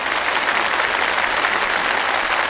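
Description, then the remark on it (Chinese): An audience applauds steadily in tribute to the interpreter, a dense, even wash of clapping that holds at a constant loudness for the whole stretch, with no voices breaking through. “我们也再次用最热烈的掌声向我们的传译人致敬”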